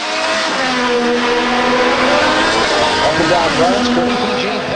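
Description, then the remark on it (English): Racing cars speed past on a 250-mile course through the streets of Washington, D.C., past the U.S. Congress and the Washington Monument, their loud, high-pitched engines whining and sweeping up and down in pitch as they rush by. A continuous roar fills the whole stretch. “Racing cars have been speeding around a 250-mile-long course, about 400 kilometres, which goes past the U.S.”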